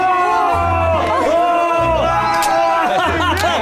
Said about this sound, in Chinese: 鼓掌，鼓掌，热烈鼓掌，欢呼，欢呼，欢呼！